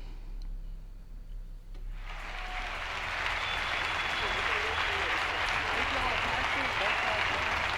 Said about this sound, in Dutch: Eerst een groot applaus natuurlijk. En dan komt ze het podium op en brengt ze het volgende.